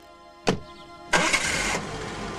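A sharp thud of a Jaguar car door shutting is followed by the car's engine cranking and roaring to life, then settling into a steady running rumble as it drives away. No one speaks.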